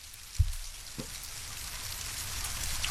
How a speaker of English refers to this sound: Nah, good guess though, but because it does sound like that, but that was bacon. That was bacon.